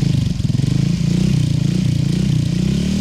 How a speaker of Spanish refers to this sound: Voy a prender la moto mientras tanto. Bla, bla, bla. Ahí la voy prendiendo, listo, hágale.